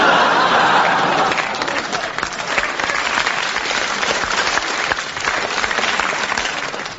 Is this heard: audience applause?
yes